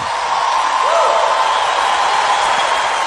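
A crowd applauds steadily, with dense, even clapping that holds at a constant loudness for about three seconds without fading.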